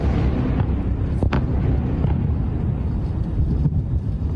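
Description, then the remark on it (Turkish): Explosions from a heavy bombardment by US CENTCOM strikes on many regions of Iran rumble, a continuous low roar punctuated by two sharper blasts, one near the start and another toward the end, with no voices. “İran'ın birçok bölgesinde patlamalar oldu.”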